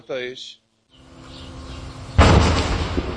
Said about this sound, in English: Despite the ceasefire, Israel's artillery still fire across the border.